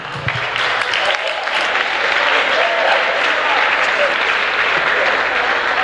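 A church audience applauds a pastor steadily for several seconds, a dense, sustained wash of clapping from many hands at a consistent loudness.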